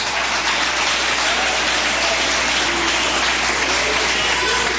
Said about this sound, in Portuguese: Se assenta, desocupa as suas mãos e glorifica Jesus com palmas.